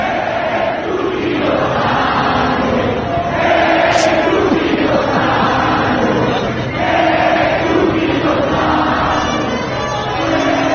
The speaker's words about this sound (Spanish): La gente empezó a corear el nombre de un gran jugador mexicano